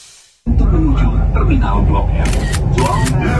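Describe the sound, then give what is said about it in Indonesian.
Several sharp camera shutter clicks fire in quick succession, crisp and loud, over a steady low rumble with murmuring voices underneath, as someone on the MRT photographs a passenger with their feet up. “Lu lagi ngefoto apaan sih?”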